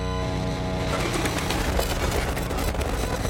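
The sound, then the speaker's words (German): A bird coos like a pigeon in low, throaty pulses that repeat steadily over a dense, rumbling background, fairly loud, with no one speaking. “ihn habe ich in einen Vogel verwandelt.”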